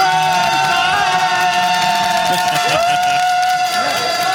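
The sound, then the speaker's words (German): A group of six men, work colleagues, cheers and shouts loudly and without pause, dense like football stadium fans, with a steady horn-like tone from toy horns droning through the noise. “Es sind zwar unter Anführungszeichen nur 6 Mann, die können aber einen Wirbel machen wie in einem Fußballstadion, würde ich sagen.”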